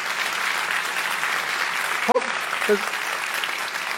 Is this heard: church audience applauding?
yes